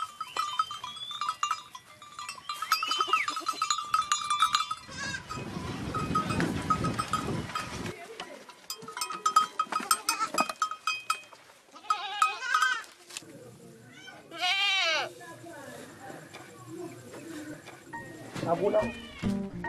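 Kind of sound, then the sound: animal, goats bleating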